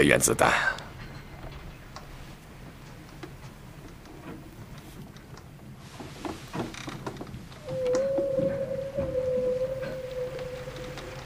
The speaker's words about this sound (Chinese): 什么声音？是鲸鱼。